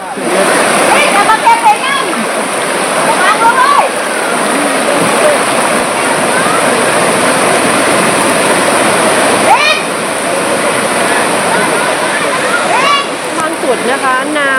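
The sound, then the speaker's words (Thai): Swift floodwater after continuous heavy rain in Kaeng Hang Maeo district, Chanthaburi, rushes in a steady, loud roar that never lets up, so strong that villagers must cling to a rope, with faint voices and calls breaking through here and there. “ที่จันทบุรีนะคะจากการที่ฝนตกหนักต่อเนื่องในหลายตำบลของอำเภอแก่งหางแมวค่ะจุดนี้นะคะจะเห็นเลยว่าน้ำมันไหลเชี่ยวมากจนชาวบ้านต้องเกาะเชือกแบบนี้ค่ะ”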